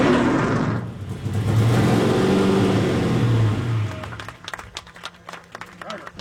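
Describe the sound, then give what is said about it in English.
A car engine roars loudly as a helmeted driver accelerates away, the rising rumble filling the first few seconds before dropping off and leaving quieter scattered clicks and background noise. “Kent Murphy was the first to drive the car.”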